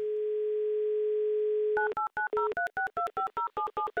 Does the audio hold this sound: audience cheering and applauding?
no